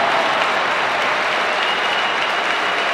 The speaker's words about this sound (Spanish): Responde Santi con un aplauso también. Todo el Bernabéu en pie, ¿eh?